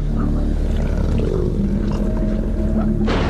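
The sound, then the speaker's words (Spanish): Wolves in a pack growl and bare their fangs while feeding, a loud, continuous rumble of low overlapping snarls lasting several seconds, with a brief harsher burst near the end. “Gruñendo y enseñando los colmillos, cada lobo fortalece su posición dentro de la manada.”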